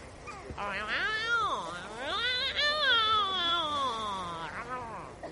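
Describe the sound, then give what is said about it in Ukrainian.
A cat that has climbed onto a garbage bin gives a long, drawn-out yowling meow, rising and falling in pitch for several seconds, loud with no talking over it. “Ось кіт на бак для сміття виліз.”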